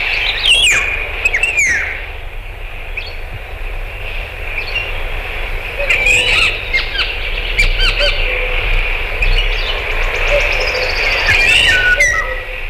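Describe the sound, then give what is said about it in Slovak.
A green woodpecker calls in a forest with loud, harsh squawking notes that repeat in short bursts, while other birds chirp around it over a steady low rumble of outdoor background noise. “A žlna klebetnica oznamuje v lese, chytili ju, keď v hore kradla drevo.”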